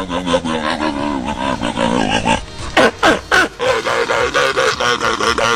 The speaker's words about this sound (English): We're all winners for getting to hear that again, but congratulations to Shelby, who knew, of course, that would be a sea lion.